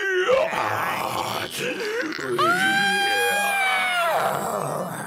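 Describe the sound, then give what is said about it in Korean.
A girl lets out strained, guttural groans that rise into a long, piercing screech while pretending to be a zombie; the vocalizing is loud and continuous for several seconds. “딸 …가 갑자기 기괴한 소리를 지르며 팔과 다리를 꺾고 눈동자를 뒤집었다”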